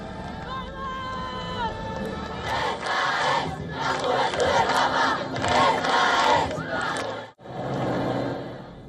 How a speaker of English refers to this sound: The Pope also pauses to bless children, much to the joy of the cheering crowds.